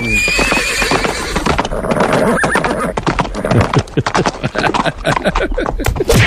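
A horse lets out a loud, shrill whinny, then a rapid flurry of hooves clatters for several seconds, dense and percussive, with no voices.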